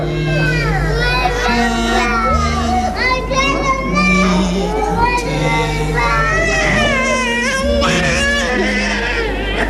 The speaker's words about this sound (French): 9h ce matin, cris, pleurs, sanglots.